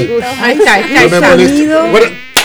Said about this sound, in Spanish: El sonido tan molesto como el sonido claro, de un mosquito, ¿no?